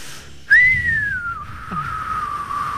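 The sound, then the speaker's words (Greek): A whale's whistling call: one long, clear tonal whistle that starts abruptly, then glides slowly downward in pitch, with a brief lower swooping note partway through, over a soft low rumble. “Οπότε λοιπόν ο ήχος του σφυρίματος του.”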